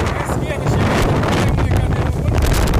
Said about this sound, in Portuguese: Várias cadeiras de plástico vermelha voando, assim, né? Sendo arremessadas. Olha o horizonte. Por causa da ventania e o horizonte muito fechado.